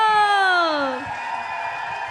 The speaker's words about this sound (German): Und zwar habe ich ein Lied zusammen und mache einen riesen Applaus, weil sie kommt jetzt auf die Bühne